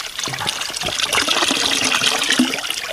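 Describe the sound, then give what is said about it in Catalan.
Water pours from a fountain in a steady trickle for about three seconds, a continuous liquid splashing and gurgling with no voices over it. “tinc ganes de beure un cop. Pots beure, eh? Fes-ho.”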